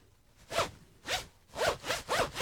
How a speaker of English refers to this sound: Your zip is killing me there.